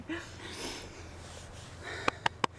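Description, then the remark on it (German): Heavy, breathy exhaling from someone exhausted after horse riding, followed by three quick, sharp sniffs in rapid succession near the end, like someone out of breath and trying to compose themselves. “Ich kann nichts sagen, ich bin fix und fertig. Ich muss erst mal atmen.”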